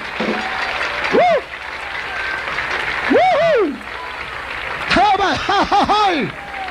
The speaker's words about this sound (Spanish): Un aplauso con toda tu fuerza. Al Señor.